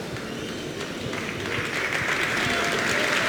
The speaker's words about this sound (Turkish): Alkışlar ona. Afyon taraftarlarının tabii ki güzel bir desteği, bir fair play örneği